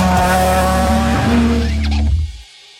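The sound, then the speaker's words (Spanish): A loud rally car engine roars with steady, buzzing harmonics, joined by a brief squeal of skidding tires before the sound cuts off abruptly; a car of the WRC World Rally Championship in Chile's Biobío region. “Velocidad, adrenalina y los mejores pilotos del mundo recorriendo nuestras rutas.”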